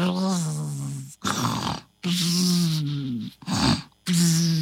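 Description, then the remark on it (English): A voice imitates loud snoring, like a beehive, of a man lying in a forest: long droning, buzzy tones alternate with shorter rasping, breathy snorts in a steady rhythm of about five strokes, with no talking. “She stopped short where Caleb was lying and snoring away like a beehive.”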